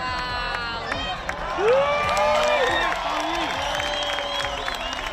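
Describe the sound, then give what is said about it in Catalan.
An outdoor crowd of eclipse watchers at Cala Blanca, Menorca, breaks into a spontaneous ovation, with steady applause, excited cheers and high whoops rising and falling, many voices shouting together across the whole stretch. “També hi va haver ovacions espontànies, com aquesta a Cala Blanca, Menorca.”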